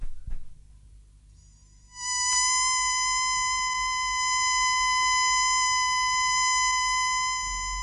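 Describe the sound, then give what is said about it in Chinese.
After a couple of seconds of low rumble, an emergency whistle is blown to call a group back: one long, steady, piercing high tone held unbroken to the end, with no talking. “好，等我发出紧急口哨，召他们回来，大家集中在一起比较好些。”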